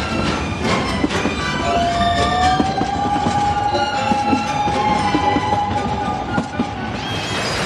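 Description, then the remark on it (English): A train rolls steadily along the rails, loud, with a dense rumble, scattered clattering clicks from the wheels, and a long, thin metallic whine sustained through most of the passage. “welcome aboard the train to Memory Lane.”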